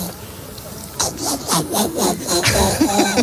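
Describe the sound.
A woman's voice on Basque regional television, ETV, imitates a donkey's bray: a rough, rasping series of alternating hee-haw cycles, repeated rhythmically about five times and fairly loud, with no other talk.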